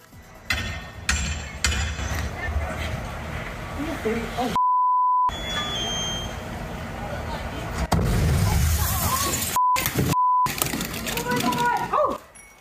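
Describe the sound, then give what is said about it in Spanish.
A sudden loud explosion booms at an apartment building in Tacoma, Washington, where firefighters were responding to a fire alarm, amid outdoor street noise, followed by shouting voices partly covered by sharp censor beeps. “El grupo de bomberos acudió a una alarma de incendios en esos apartamentos en Tacoma, Washington, cuando fueron sorprendidos por la fuerte explosión.”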